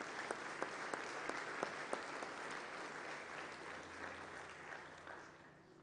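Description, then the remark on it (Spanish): An audience applauds a girl for her 15th birthday with dense, steady clapping that holds for several seconds, a few sharper claps standing out early on, then slowly thins and softens toward the end. No one speaks. “Un aplauso para ella.”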